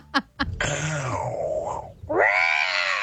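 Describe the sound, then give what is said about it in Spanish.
A person imitates a big cat's roar: a sustained, rough, wavering vocal snarl that dips, then swells into a rising yowl, preceded by two quick taps. Fairly loud. “Diente de sable. Eso es como un gato en celo.”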